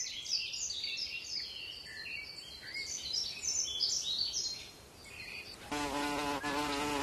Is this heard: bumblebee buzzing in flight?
yes